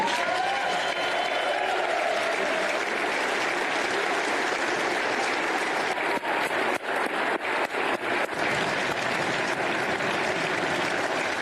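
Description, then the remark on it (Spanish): Sustained audience applause, a dense, steady wash of many hands clapping at an even loudness throughout, with no voices standing out above it. “Sigan aplaudiendo a este régimen en los parlamentos occidentales por lo bien que lo está haciendo.”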